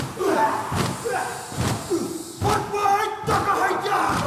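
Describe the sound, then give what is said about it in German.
Heavy, rhythmic stamping of many feet, a loud thudding beat every second or so, with a chanting crowd of male voices shouting over it: Maori men performing the haka, a traditional dance, jumping and holding jade battle-axes and sticks in the air before several hundred Maori gathered at their camp. “Plötzlich beginnen die Männer zu stampfen. Der Haka, ein traditioneller Tanz.”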